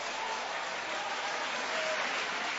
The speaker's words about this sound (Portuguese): Isso, e podem aplaudir, podem exaltar, podem glorificar.